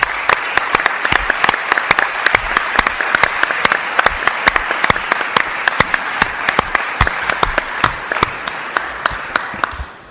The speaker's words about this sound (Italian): Io vorrei che facessimo a tutti loro un applauso.